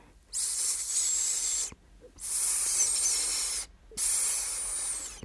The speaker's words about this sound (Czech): Josef často usínal za zvuku tichého syčení Ríši, který mu tiše šeptal do ucha.